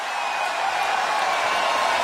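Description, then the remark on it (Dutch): A steady, dense wash of concert audience noise heard through a narrow, tinny phone line, a continuous murmur of many voices with no clear words, moderately loud throughout. “Hij staat nog tussen het publiek zo te horen, hij hoort me niet.”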